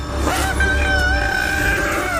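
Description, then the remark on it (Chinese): An angry young elephant trumpets in one long, shrill blast that draws tourists, its harsh, brassy tone wavering slightly for about two seconds over a low rumbling background, with no voices. “大象愤怒的长啸将游客吸引了过来。”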